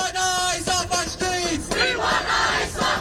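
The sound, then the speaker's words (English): Hundreds of protesters marching against ICE in Herald Square, Manhattan, New York City, chant loudly in unison "We want ICE off the streets," rhythmic shouted phrases rising together over a dense background of voices. “Hundreds of protesters in Manhattan's Herald Square shouting, "We want ICE off the streets."”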